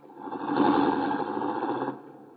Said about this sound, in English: can you drive the car up to the house?